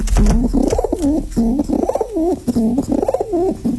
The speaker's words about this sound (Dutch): Ja, al die duiven hadden een eigen karakter en verdienden een naam.